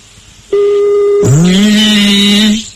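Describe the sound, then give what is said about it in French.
Two sustained electronic telephone tones, a steady low one followed by a brighter, buzzier one that swoops up and holds, as a telephone number is dialed on a phone line, with no voices. “Le numéro de téléphone est composé, allez.”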